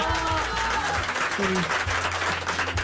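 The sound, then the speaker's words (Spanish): An audience applauds with a steady, dense patter of clapping throughout, while a voice and some low tones sound underneath at the start and again toward the end. “Un aplauso, un aplauso.”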